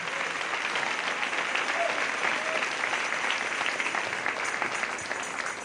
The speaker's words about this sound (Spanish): Aleluya. Dale ese aplauso al Rey en esta hermosa mañana.